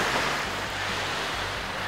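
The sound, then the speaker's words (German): Steady wash of waves on the Baltic Sea beach at Zinnowitz in fine weather with no wind, a broad continuous rush of surf with a low rumble underneath, no voices present. “Im Ostseebad nebenan, am Zinnowitzer Strand.”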